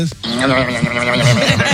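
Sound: goat bleating sound effect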